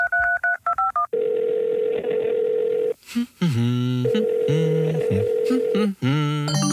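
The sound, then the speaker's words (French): A quick series of short dual-tone keypad beeps as a friend's phone number is dialed, followed by a steady dial tone and a burst of ringing or connection tones. “Je vais l'appeler maintenant.”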